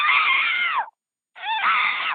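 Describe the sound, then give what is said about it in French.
In a joke about Toto and his dad riding bikes, a voice imitates a squeaking rear bicycle wheel with two loud, high-pitched squeals, each lasting almost a second and wavering slightly in pitch, separated by a short pause. “Toto, il y a ta roue arrière qui grince.”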